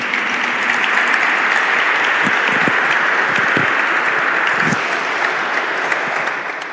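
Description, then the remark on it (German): Sustained audience applause for the archbishop at a congress, a dense wash of many hands clapping at steady loudness for several seconds before starting to fade at the end, with no one speaking. “Also Applaus für den Erzbischof und das, was er uns mitgegeben hat.”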